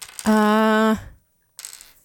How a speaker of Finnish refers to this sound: On, mutta ei mitä tahansa noppia, vaan nämä tämmöisiä muotinoppia.